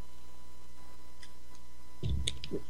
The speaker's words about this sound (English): And get a slurp of water here.